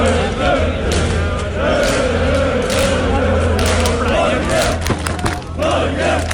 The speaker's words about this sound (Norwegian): Det var full fest och stormende jubel i Oslos gater efter seieren i natt. Selv Slottsplassen var full av roende fans.